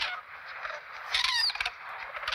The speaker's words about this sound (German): wenn man aufpasst, hört man dieses Piepsen. Wer ist das? Das sind die jungen Kraniche.